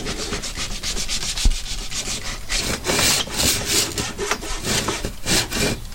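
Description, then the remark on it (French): A hand saw rasps through wood along a marked line in steady back-and-forth strokes, fairly loud, each pass a gritty scraping burst repeating at an even rhythm with no voices. “Tu reprends toujours là où t'as une entaille et t'essayes d'aller jusqu'à la fin du bois.”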